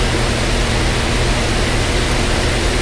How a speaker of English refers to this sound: Did it sound a little bit like this in your house yesterday? Do you have the fan out?